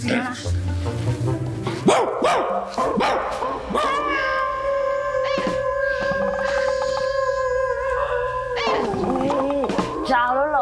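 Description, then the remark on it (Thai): A person imitates a dog's howl, holding a long, steady, loud wail for several seconds before it drops off. Brief vocal noises come before it. “ผมไปจ้างหมาตัวจริงมาแทนเลยนะ ไม่ต้องจ้างไม่ต้องจ้างพี่หอนเหมือนกว่าพี่หอนเหมือนกว่าดู”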